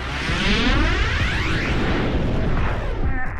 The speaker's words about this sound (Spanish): El sonido de un trueno se debe a que el rayo calienta el aire por el que circula a más de 28.000 grados centígrados.